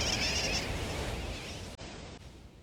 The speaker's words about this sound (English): Some say sooty terns derive their nickname wide awake from the kerwacky-whack or wacky-whack of their calls.